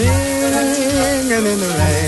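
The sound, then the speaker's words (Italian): Steady hiss of shower water pours continuously, fairly loud, while a voice sings under the shower a long held, wavering note over the spray. “gli esperti dicono che cantare sotto la doccia fa bene all'umore.”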